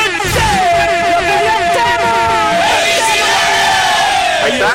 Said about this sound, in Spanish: Lalo, suena el claxon, Lalo.